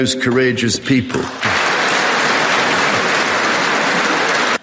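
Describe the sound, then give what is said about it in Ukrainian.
A voice speaks briefly, then loud, dense applause breaks out from a large crowd in a hall, a standing ovation from Republicans and Democrats with Speaker Johnson also rising, holding steady for about three seconds before it cuts off. “Зал аплодував стоячи, республіканці і особливо демократи, піднявся і спікер Джонсон, а от віце-президент Венс лишився в цей момент сидіти, тільки нервово ворушив пальцями.”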